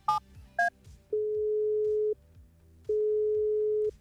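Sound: telephone ringing tone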